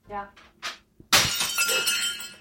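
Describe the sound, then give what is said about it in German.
After a few brief vocal sounds, a ceramic plate is deliberately smashed on a hard floor, a sudden loud crash followed by a scattering of ringing, clattering shards that lingers for over a second. “Scherben bringen ja angeblich Glück. Habe ich mir gedacht...”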